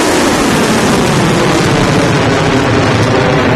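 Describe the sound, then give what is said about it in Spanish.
A loud, steady, rushing roar of drones and missiles in flight, launched by Iran in the early morning at the US Navy Fifth Fleet headquarters in Bahrain and a US helicopter base in Kuwait; a dense, wind-like engine noise without letup, no distinct blasts and no voices. “ha reivindicado esta madrugada haber lanzado primero drones y misiles contra la sede de la quinta flota de la Armada de Estados Unidos en Bahrein y también contra una base de helicópteros de Estados Unidos en Kuwait.”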